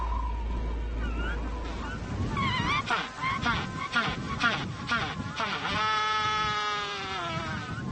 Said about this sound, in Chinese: 求偶的叫声回荡在巴塔哥尼亚海岸。九月是麦哲伦企鹅的繁殖季节，每对夫妻都守着自己的洞巢。